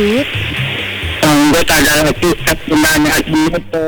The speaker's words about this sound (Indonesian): Hujankah gerangan? Sepertinya suara hujan di belakang. Panas bergetar ini. Jadi itu suara deru apa ya? Seperti suara deru angin atau apa? Angin.